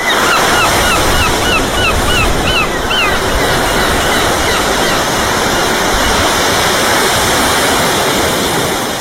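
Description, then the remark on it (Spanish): A rapid string of seagull calls rings out over constant, loud crashing surf, the cries fading after a few seconds while the roar of the waves continues steadily. “Me empieza a oler un poquito el culo a gaviota, también te digo.”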